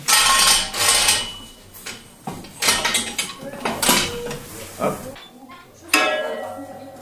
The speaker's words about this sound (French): On a donc un système qui nous permet de descendre une colonne. Attention à toi. On va avoir une colonne qui descend.